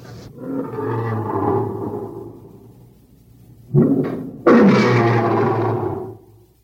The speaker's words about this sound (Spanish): Son los leones que rugen en el vivarium del anfiteatro. Debieron llegar hoy desde África. Ayer no estaban ahí.